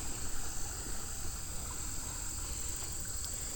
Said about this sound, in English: We got water flowing. This is the creek that is the outflow of the dam. The dam at Standing Bear Lake. So, I don't know, maybe they're releasing some water due to the rains. It's very whooshy whooshy. I like the sound it's making.